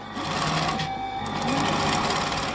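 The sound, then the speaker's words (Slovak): Sewing machines in a sewing workshop whir steadily with no pauses, a dense mechanical hum layered with a fast clattering rhythm, loud and constant, with no talking. “Typiski ta zvuk šijabl, když ve švalčani stejš.”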